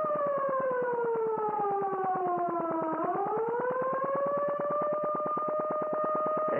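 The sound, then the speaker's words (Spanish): A loud attack alarm siren wails steadily and alone, its rapidly pulsing, buzzy tone sliding slowly downward, then jumping and rising again to hold a higher pitch. “Señal de ataque.”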